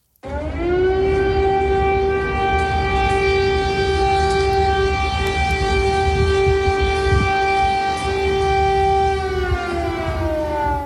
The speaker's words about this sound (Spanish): Esto es el sonido real. Es el sonido real en Kiev, en la capital de Ucrania. Corresponde a las sirenas que avisan de un peligro inminente.